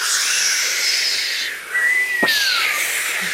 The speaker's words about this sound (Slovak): Sme znova na lodi. More, vichrica.